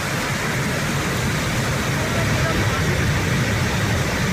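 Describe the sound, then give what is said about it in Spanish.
Steady rushing roar of falling water from a waterfall, heard in Peñalén, Guadalajara: a dense, even hiss with a low rumbling undertone that holds at constant loudness throughout without pauses or changes. “¿Estamos escuchando la cascada del molino o qué?”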